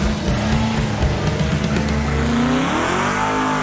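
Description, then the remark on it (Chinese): The racing car Little Red Pig, its tires looking worn, drives by with its engine revving loudly and continuously, pitch sweeping up and down, with a brief tire squeal mixed in. “奇怪，小红猪怎么没有以前开的欢快了？ 轮胎看起来不行了”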